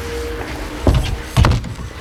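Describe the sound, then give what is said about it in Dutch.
The door of a café is pulled shut: a first knock-like thud, then a heavier slam half a second later, against a quiet background hum with no talking. “En zo hebben we in 1947 de deur definitief achter ons dichtgetrokken.”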